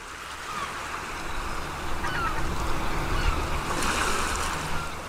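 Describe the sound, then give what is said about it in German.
Ocean waves wash onto a shore in a steady, broad hiss that swells and recedes, with a louder surge in the middle; some wind rumble underneath and no voices. “machen wir mal kurz die Augen zu und stellen uns vor, wir sind wirklich am Meer.”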